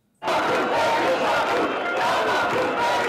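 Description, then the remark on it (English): A large protest crowd in Albania's capital shouts and chants together on an eighth day of opposition to a resort project linked to the Trump family, a dense, loud wall of many voices that starts abruptly and holds steady without a break. “That's despite huge crowds gathering in the country's capital for an eighth day in opposition.”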